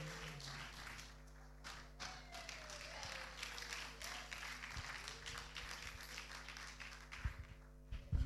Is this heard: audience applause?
yes